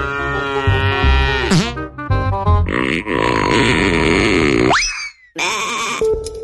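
Several loud cow moos in quick succession, drawn-out and harmonic, with sliding pitch bends and a short pause before a final low moo.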